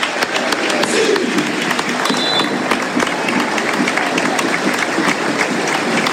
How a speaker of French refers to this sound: C'est vrai que les joueurs sont applaudis comme si c'était un peu le dernier match de la saison